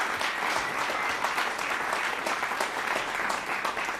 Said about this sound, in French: Je peux l'applaudir très fort.